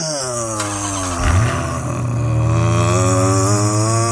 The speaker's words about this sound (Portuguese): Liga o carro.